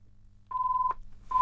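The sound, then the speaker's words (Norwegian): A telephone rings with a steady electronic tone, one clear half-second burst followed by the start of a second, then a loud rustle or clunk cuts in at the end. “Da ringer det.”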